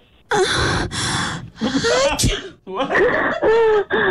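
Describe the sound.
A sharp sneeze, made with a cold, bursts out among a string of breathy gasps and voiced vocal noises, loud and up front, with a few short pauses between the sounds.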